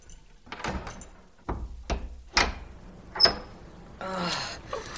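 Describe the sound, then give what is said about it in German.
A heavy church door is unlocked with a key by the pastor and pushed open: several sharp metallic clicks and clunks from the lock, a bright jingle of keys, then a long creaking, scraping swing at the end. “Wartet, ich schließe auf.”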